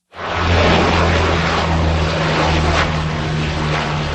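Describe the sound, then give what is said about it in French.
A Canadair water-bomber fighting wildfires in Gironde, around Lège-Cap-Ferret, France, dropping water over large areas; its propellers roar loudly, a steady droning hum with deep engine tones beneath a broad rushing noise, lasting throughout with no voices. “Des avions, dont des Canadair, effectuent des largages sur de larges zones.”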